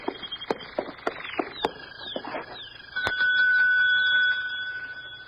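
A bell on a desk gives one bright ding that rings on for over a second before fading, following a run of quick chirping, clicking sounds and a few sharp taps.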